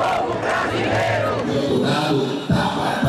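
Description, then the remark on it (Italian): A vast crowd roars and chants together in a continuous, dense wall of voices, loud and close throughout, with a brief thump partway through. “Lula gli risponde dal cuore di San Paolo con una grande marcia di popolo.”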